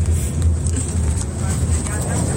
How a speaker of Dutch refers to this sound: daar ben je nog even in de bus. Met veel achtergrondlawaai, maar je bent goed te verstaan.